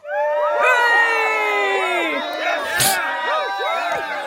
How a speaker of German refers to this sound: Jubel! Ja, und das aus gutem Grund.